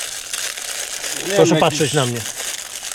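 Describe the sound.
Stiff hair coated with wood lacquer and wood stain crinkles in a steady, dry crackling rustle that runs throughout, with a man briefly speaking over it in the middle.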